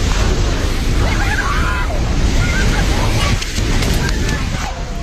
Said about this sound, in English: Video shows the force of the flood carrying off a bridge and collapsing buildings as muddy water surges through the mountains.